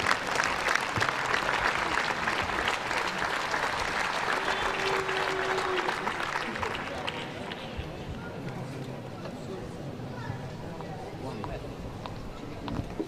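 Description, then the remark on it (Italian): Loud, sustained standing ovation from a large audience, a dense steady clatter of clapping that thins slightly toward the end, with faint voices mixed underneath, following a performance by the band of the First Region of the Italian Air Force (Aeronautica Militare), conducted by maestro Antonio Macciomei. “Guardate un po' l'omaggio del pubblico che applaude in piedi.”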